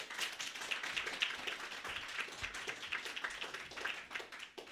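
A group claps steadily for several seconds, a dense, crackling patter of many hands at an even, moderate loudness, with no voices over it.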